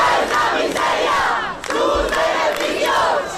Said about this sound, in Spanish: Càntics de protesta entre els milers de persones que romanen des de fa diversos dies i que també s'han produït en la resta d'acampades.